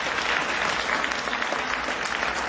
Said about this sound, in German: nochmal großen Applaus für Benjamin Sawatzki an den Tasten